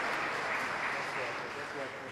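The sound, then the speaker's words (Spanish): A crowd applauds steadily to greet the Monseñor, first bishop of the diocese of Caazapá, on his first anniversary. It is a dense wash of many hands clapping at once that holds at an even, moderate level for the whole couple of seconds. “Saludamos una vez más por su primer aniversario al Monseñor con un fuerte y caluroso aplauso.”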